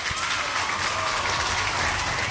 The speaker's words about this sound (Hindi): तो आप सभी ने सही जवाब दिया है इसलिए आपके लिए यहाँ बजेंगी तालियां।